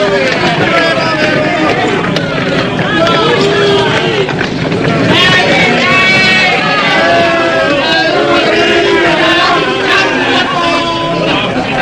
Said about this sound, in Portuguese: Diante da multidão, Jesus é açoitado impiedosamente ao som dos berros ensurdecedores do povo.